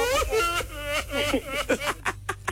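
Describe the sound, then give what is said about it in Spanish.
A man sobs over a phone line, his wavering, broken voice coming in uneven bursts that grow choppier toward the end, with a steady low line hum underneath. “Ay, oh, ¿cómo está llorando? Pensé que estaba en otra línea el rancherito.”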